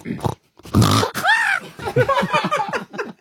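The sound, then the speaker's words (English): A person imitates a pig that stubs its toe, making exaggerated grunting and snorting, then a rising squeal followed by a rapid run of choppy, pained oinks, fairly loud. “See, I think that was a pig that stubs its toe.”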